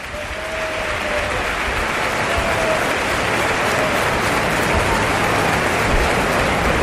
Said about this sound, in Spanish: Aplausos para Soco.